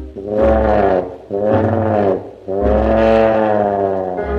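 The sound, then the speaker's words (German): A voice imitates a lion roaring three times in a row: loud, drawn-out, low bellowing roars with brief pauses between, the third one longest. “Der wasserscheue Löwe, der ihr natürlich nicht folgen will, steht vor dem Tümpel und brüllt dreimal ganz laut und kräftig folgendermaßen.”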